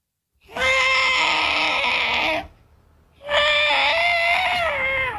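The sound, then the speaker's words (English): A voice imitates the distressed trumpeting of an elephant with its foot trapped in a hole, calling for help, in two long, loud, tonal calls with rich harmonics, the second slightly wavering in pitch, separated by a brief pause. “What about an elephant that gets his foot trapped in a hole and he's calling out for help?”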